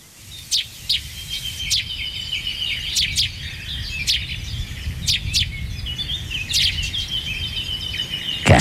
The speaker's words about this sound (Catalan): N'hi ha dos. N'hi ha dos, el que sona més en primer pla. El primer pla, si no fes aquella repetició, em recordava un pardal. És un pardal, sí senyor. Bravo. És un pardal.